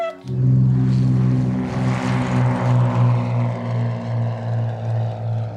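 A propeller airplane engine drones loudly and steadily in flight, its low hum throbbing in a slow, regular pulse with a wash of rushing noise over it. No one speaks.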